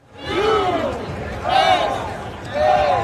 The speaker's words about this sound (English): It was a rowdy crowd of more than 70,000 who turned out in sunny Southern California to see the rare World Cup game that didn't really matter.